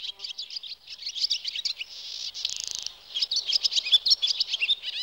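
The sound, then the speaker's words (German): Swallows twittering in a fast, continuous stream of high chirps and warbles, steady for several seconds, with no voices. “Richtig, die Schwalbe.”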